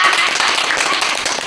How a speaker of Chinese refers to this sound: 鼓掌！